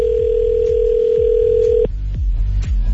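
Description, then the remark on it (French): A phone line rings out with one steady, loud ringback tone lasting about two seconds before cutting off, as an outgoing call is placed live on air, while a thumping rhythmic beat plays underneath throughout. “Ça me tente de l'appeler live, là. Je me demande s'il va répondre son téléphone.”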